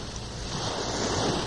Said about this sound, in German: Ich höre schon die Brandung, das Wellenrauschen. Wir sind auf dem Wege zum Meer. An die Nordsee, an die Ostsee oder meinetwegen auch ans Mittelmeer. Hauptsache Strand und Wasser